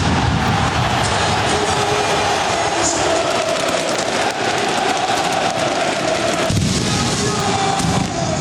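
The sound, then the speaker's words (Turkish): Fireworks crackle and pop in rapid, dense bursts over a loud, continuous roar at Porto's Dragao stadium during a championship celebration, the sharp reports blending into an unbroken wall of noise for the whole stretch. “Galibiyetle birlikte Francesco Farioli'nin öğrencileri hocalarına koşarak zaferi kutlarken Dragao stadında havai fişeklerle karnaval havası oluşturuldu.”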